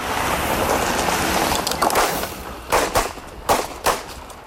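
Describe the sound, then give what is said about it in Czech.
Four or five sharp gunshot cracks ring out at irregular intervals during a staged reenactment of the May 1942 assassination attack on Reinhard Heydrich by Josef Gabčík and Jan Kubiš, held at the depot in Hloubětín, Prague, with period props and historic vehicles. The shots follow a stretch of steady rushing background noise; no one speaks. “A jen upozornění, na začátku reportáže zaznějí výstřely, aby vás to nevylekalo.”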